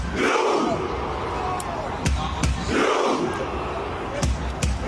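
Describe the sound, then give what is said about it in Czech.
Norwegian football fans, joined by the players on the pitch, chant together in rhythmic unison in a stadium after Norway beat Senegal 3-2, the roar swelling in repeated waves punctuated by sharp shouts and claps, loud and dense throughout. “Norsko navíc po dramatickém průběhu porazilo Senegal 3-2 a do pokřiku se pak zapojili i samotní hráči přímo na trávníku na stadionu a video nazbíralo během několika hodin miliony zhlédnutí.”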